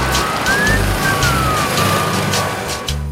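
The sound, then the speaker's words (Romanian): Steady city street traffic in Rome with cars and trucks rumbling past, a constant low engine drone filling the scene while a faint siren-like tone drifts in the background. “Sau mai bine zis, o pacoste pentru oamenii care se încumetă să înfrunte traficul pe bicicletă.”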